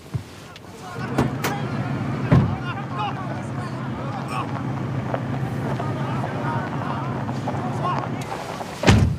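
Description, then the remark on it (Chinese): Heavy ore-hauling trucks from a mine, stuck in a traffic jam, idle in a steady low rumble, with wind buffeting the microphone, a few sharp knocks, and faint voices in the background. “哎，大哥，这都是咱矿里的拉矿石的车，放了吧。”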